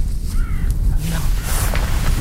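A kite in the Pyrenees gives a short whistling call, one thin rising note that is fairly faint, over a steady low rumbling noise with no voices.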